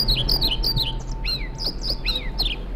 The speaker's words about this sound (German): Das ist, wenn Sie es genau wissen wollen, ein Trauerschnäpper. Ich finde, der zwitschert schön, aber der Name Trauerschnäpper, also das steht für mich jetzt nicht nach, klingt nicht nach Aufbruch und Reform.